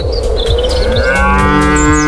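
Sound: cows mooing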